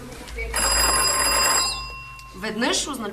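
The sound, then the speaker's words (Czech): A loud, sustained metallic bell rings steadily for about a second over a low rumble, then stops abruptly, and a man begins speaking shortly afterward. It is a mine signal bell used for signalling between the bottom of the shaft and the surface. “Protože ještě neexistoval telefon, byla v dole zvonková signalizace mezi dnem šachty a povrchem, kam se nejdřív ručně a později koňmo dopravovali vozíky s uhlím.”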